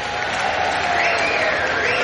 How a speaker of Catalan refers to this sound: un gran fort aplaudiment.